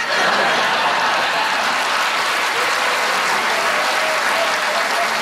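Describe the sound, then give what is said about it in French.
Steady, dense audience applause at a François Bellefeuille comedy show fills the whole stretch at an even level, as the audience answers by clapping whether they still use toilet paper, with a faint trace of chuckling mixed into the clapping. “Qui, par applaudissement, utilise encore du papier de toilette?”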